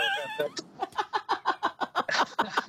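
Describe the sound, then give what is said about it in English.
Horse race sounds, the first thing broadcast in colour in America: a brief high tonal cry opens, then a fast, steady drumming of galloping hooves, loud, with a noisy crowd-like wash rising near the end. “It was indeed a horse race.”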